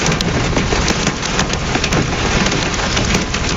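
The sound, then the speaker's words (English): Hail pelts a car roof in a dense, continuous drumming of sharp impacts, loud, with no let-up and a low rumbling wash underneath, during a severe thunderstorm along I-70 east of I-225 in Metro Denver. “That from reporter Kathy Walker in her car, and lots of hail on the ground along I-70 east of I-225”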